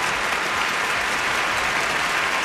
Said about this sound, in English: I like that. Applause. That's good.